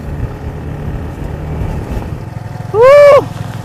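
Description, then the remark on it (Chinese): A vehicle engine drones steadily in a low rumble while driving along a newly built asphalt road, joined near the end by a brief, loud, wavering high tone before the rumble continues alone. “现在咱们车开的这条路是后来才修好的一条。”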